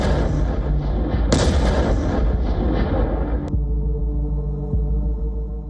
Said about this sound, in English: The explosion comes first, then the dust swallows everything. There is no towering missile, no supersonic strike.